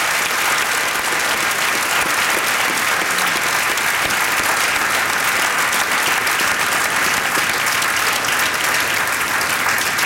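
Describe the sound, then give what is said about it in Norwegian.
Steady, dense applause from an audience for a photographer, many hands clapping at a constant loud level for about ten seconds with no pauses and no voices standing out. “Applaus til han, eller?”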